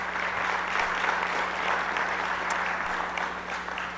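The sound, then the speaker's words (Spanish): Sustained applause from an audience for two champions of the Copa CONADE football tournament, a dense steady wash of many hands clapping at an even loudness for several seconds, with no voices standing out. “Un fuerte aplauso a estos compañeros.”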